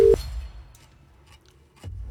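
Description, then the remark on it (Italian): Two short, steady telephone ringing tones of a call being placed to Zanzibar, at a mid pitch, one at the start and one at the end, separated by a long pause with faint low rumble, sounding slightly odd and buzzy. “Ma questi sono sì. già squilli? Sì, sì, secondo.”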